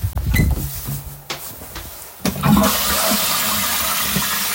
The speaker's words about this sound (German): Und ich zeige euch jetzt mal die Klospülung. Wartet.